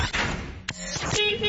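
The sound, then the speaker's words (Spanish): Dense traffic noise with a couple of sharp thumps, then a steady car horn blaring through the last few moments over the continuous roar. “Tráfico y clima en Radio Felicidad.”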